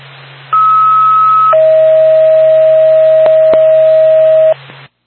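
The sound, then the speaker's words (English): A radio dispatch alert tone from NORPAC for Whitefield Ambulance sounds in two steady tones, a higher pitch for about a second, then a lower one held for three seconds, over a constant low hum and hiss with a couple of clicks. “NORPAC, Whitefield Ambulance, stand by for tone.”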